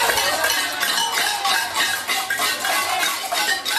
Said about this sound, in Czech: Zapálili lidé na několika místech barikády a protestovali také tradičním latinskoamerickým způsobem, boucháním do hrnců.